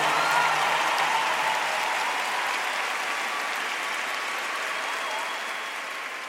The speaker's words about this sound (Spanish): Por favor, denle un aplauso a la persona más especial, nuestro Señor Jesús.